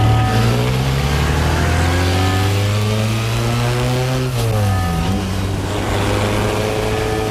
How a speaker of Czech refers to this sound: Podívejte. Tamhle, to je mé auto a jedu v něm